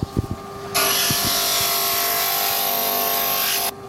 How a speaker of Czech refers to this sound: Vlastně si to zhruba připravím a potom to budu ještě brousit, aby nám to krásně zapadlo k těm ostatním dílkům. Takže se to bude brousit na brusce. Teď přicházíme k brusce.